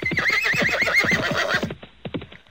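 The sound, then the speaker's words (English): A horse whinnies loudly in a long, shaky, wavering neigh, followed by a few softer snorts as it trails off. “And all the bandits, just as furiously as they came, thundered off on their horses.”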